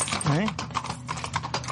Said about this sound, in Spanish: por el hermoso sonido de los cascos de los caballos en el empedrado de las calles de la noble ciudad.